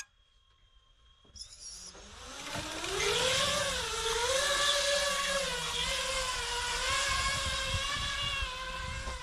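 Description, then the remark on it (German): Drone motors spin up after a brief tone, then whir steadily in flight during a range test, launched from a platform of soup cans, with a buzzing, high-pitched harmonic whine that rises and wavers in pitch. No one speaks. “Bezüglich der Reichweite haben die beiden Drohnen eine gute Leistung gezeigt.”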